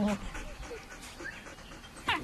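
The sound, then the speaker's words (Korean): A pack of wild dholes gives short, high yipping and whistling calls, one brief burst at the start and a louder one near the end, over a low ambient background. “야생 들깨 승냥이 무리죠.”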